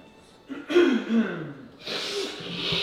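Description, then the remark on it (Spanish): A person with a cold coughs, a hoarse voiced hack followed by a rough, breathy rasp that trails off, sounding congested and strained, with no talking around it. “¿Refrío, che? Refrío, tos.”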